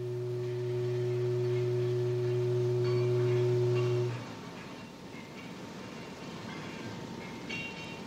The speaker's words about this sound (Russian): Продолжительный заводской гудок возвестил о начале обеденного перерыва.